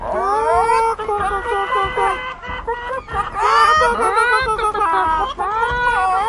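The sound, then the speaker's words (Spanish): Several voices imitate chickens together, overlapping in a lively run of high, bouncy clucks and warbling bawks that rise and fall for several seconds without pause. “¿Quieren hacer sonidos de gallina?”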